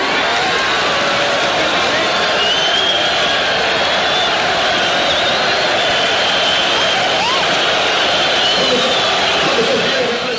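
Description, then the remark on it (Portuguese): A large crowd boos loudly and steadily at a speaker, the mayor of Novo Horizonte speaking for the PDS party's mayors, whose leadership opposed direct elections; a dense, unbroken roar of jeering voices holds at full volume throughout, with no single speaker standing out. “A cúpula do partido era contra as diretas, daí as vaias.”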